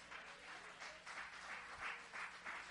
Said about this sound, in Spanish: Ese aplauso es para Pablo. Amén. Ese aplauso es para Pablo.